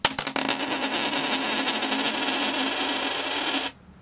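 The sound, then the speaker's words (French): A tossed coin lands with a few sharp clinks, then spins and rings on a hard surface for about three seconds with a steady metallic shimmer before stopping abruptly. No voices. “Alors on va régler ça à pile ou face.”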